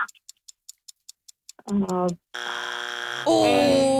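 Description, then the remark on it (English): A quiz game buzzer blares loudly after about eight quick, evenly spaced clock ticks, first a short harmonic blast, then a long sustained buzz that shifts pitch partway through. “That's our buzzer.”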